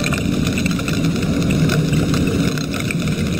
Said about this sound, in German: So klingen Pistolenkrebse, wenn ganz, ganz viele von ihnen zusammenkommen. Mit dem Sound machen sie ihrem Namen alle Ehre.